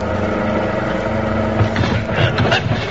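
A loud car engine roars continuously as the car goes down a 60-foot embankment into a rough field, with bumps and rattling jolts breaking in over the second half as the vehicle lurches across rough ground.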